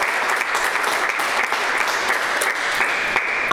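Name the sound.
audience applause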